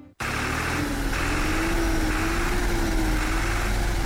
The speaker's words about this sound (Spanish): Señor presidente, aquí está el tractor que usted nos dio. Está trabajando y con toda nuestra gente.